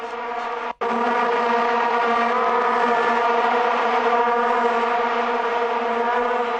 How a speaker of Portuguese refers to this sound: A Vuvuzela, gente, é o maior símbolo cultural das torcidas de futebol na África do Sul e se popularizou no mundo depois da Copa de 2010.